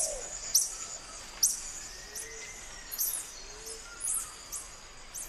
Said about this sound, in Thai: ณบ้านต้นไม้ของพวกมันลิงแก่ทั้งตัวผู้และตัวเมียต่างพากันร้องเสียงแหลมออกมา